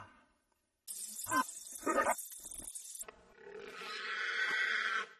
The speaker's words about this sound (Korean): 자, 그럼 시간을 되돌려서 다시 멧돼지를 만나볼까요?